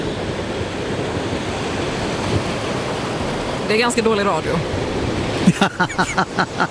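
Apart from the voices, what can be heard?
ocean waves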